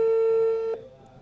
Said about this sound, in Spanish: Vamos a llamar a ese número. Ajá. Y suena. Ahí está sonando el número de teléfono.